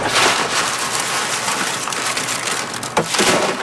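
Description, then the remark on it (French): Alta de Moda beans, crushed by hand from their pods, are winnowed in the wind at Saint-Laurent on Île d'Orléans, Quebec: a steady, dense pattering of dry beans cascading down as the pods blow away, with a few brief rustling bursts near the end and no one speaking. “Puis après, avec le vent, j'envoie ça ici, on appelle ça vanner.”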